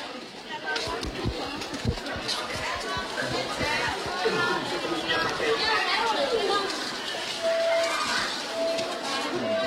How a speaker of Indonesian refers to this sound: Pagi di tengah kerumunan pasar tradisional, suara pedagang yang menawarkan dagangannya bersautan dengan para pembeli.